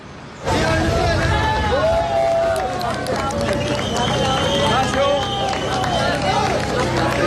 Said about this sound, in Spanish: Aplausos, emocionante este caso que mantiene la esperanza de los que siguen buscando todavía a sus seres queridos perdidos en La Guaira.